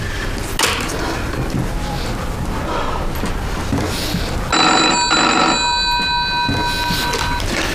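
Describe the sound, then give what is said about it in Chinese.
A telephone rings loudly, a bright electronic trill that cuts in partway through over a rough, noisy background and rings for a couple of seconds before fading out. “你他妈再敢打电话来，我他妈毙了你！”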